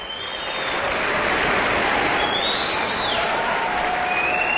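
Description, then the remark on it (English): A standing audience at the final performance of the Aspen Music Festival season claps loudly and steadily throughout, a dense wash of applause, while several shrill whistles rise and slide in pitch above the clapping. “The audience jumped up onto its feet, and they're enthusiastically applauding and whistling this final performance of the Aspen Music Festival season.”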